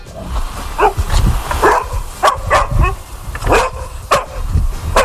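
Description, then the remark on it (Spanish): A dog barks repeatedly, a quick run of sharp, loud woofs with brief gaps, mixed with a few higher yips and no talking. “Y tiene como protagonistas a nuestros amigos los peludos, a los perros, esos seres de cuatro patas que tanta compañía y tanto bien nos están haciendo.”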